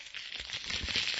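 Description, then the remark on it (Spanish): A crinkly bag of Takis snacks rattles and rustles continuously for about a second as it is grabbed, a bright papery crackle with small irregular bursts and no voices. “Agarran la bolsa.”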